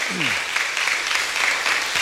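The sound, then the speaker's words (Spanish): A crowd applauds steadily for a woman's recovery, a dense, even wash of many hands clapping at a constant loud level for the whole stretch, with a brief falling vocal sound near the start. “Fuerte aplauso para ella en este día por su recuperación.”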